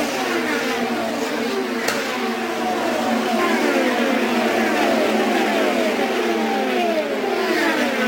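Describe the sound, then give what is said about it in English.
Race cars roar down the front straightaway at speed, led by Rossi's Napa car, with Alex Tagliani and Tony Kanaan behind. A steady high engine whine sweeps up and down in pitch as several cars pass, continuous and loud, with a brief sharp click partway through. “Moving down the front straightaway, the Napa machine of Rossi is in the lead.”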